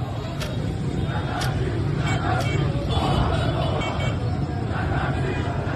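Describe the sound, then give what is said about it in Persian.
Dense outdoor crowd bustle on Jomhuri Street by the Alaeddin shopping arcade as shop shutters come down, with a steady wash of overlapping voices and traffic rumble filling the scene at a constant, fairly loud level throughout. “پاساژ علاءالدین، خیابان جمهوری. کرکره ها پایین می آید.”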